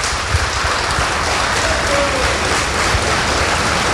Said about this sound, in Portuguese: Então vamos aplaudir essa palavra.